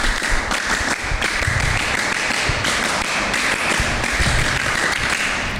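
A group of scouts from MTsN 6 Madiun in the RRI radio studio performs the scout clap (tepuk pramuka) twice as a greeting, many hands striking in unison in a loud, steady rhythmic pattern, cycling on without pause for several seconds and nobody speaking.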